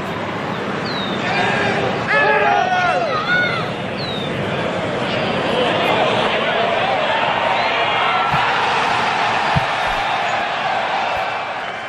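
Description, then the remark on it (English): A large golf gallery in Philadelphia roars after a 68-foot putt on the 17th hole, a dense wall of cheering and shouting with a few sharp whistles and whoops rising above it early on. It stays loud and sustained throughout. “On the 17th hole, it was like the clown in the mouth ball that you hit for the free game, 68-foot putt. I think it just stunned that Philadelphia crowd. Take a listen.”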